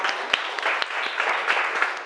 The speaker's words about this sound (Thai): ปรบมือดังๆให้ตัวแทนจากกลุ่มที่สาม